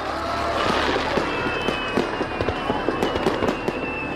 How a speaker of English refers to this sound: It's a carefully choreographed operation spanning an hour's time. More than 14,000 fireworks to launch, each with only one chance to get it right.